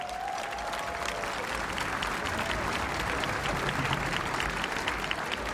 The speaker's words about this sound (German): Ein großer Applaus